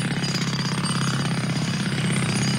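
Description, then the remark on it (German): A jackhammer pounds away in a rapid, steady stream of loud mechanical blows, harsh and unbroken for the whole stretch, with no voices. “Ja, ich könnte euch zum Beispiel so ein bisschen mit einem Presslufthammer beschallen hier.”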